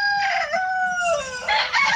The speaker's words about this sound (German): Und zwar in Randersacker beim Hahn-Krähe-Wettbewerb. So, was ist ein Hahn-Krähe-Wettbewerb? Da geht es darum, dass die Hähne oft krähen, bitte.